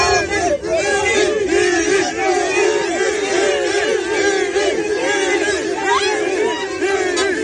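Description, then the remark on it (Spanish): A large crowd at the exit of the Estadio Santiago Bernabéu shouts and chants Vinicius's name over and over as he leaves the stadium, a dense, loud wall of overlapping voices with rising and falling cheers that holds steady throughout. “Mucha gente gritando Vinicius y él sonriendo en la salida del Estadio Santiago Bernabéu.”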